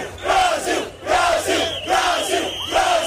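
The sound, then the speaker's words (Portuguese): A large crowd of Brazilian football fans chants "Brasil" together at the Shibuya crossing in Tokyo, Japan, during the World Cup, in loud, rhythmic bursts repeating about every second, their massed voices ringing out over a steady roar of cheering. “Os brasileiros saíram lá para o meio do grande cruzamento para gritar Brasil.”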